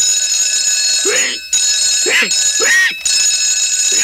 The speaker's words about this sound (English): Hey, what's going on here? It's only 2 o'clock. Why, that's no good alarm clock. Spoiling my rest.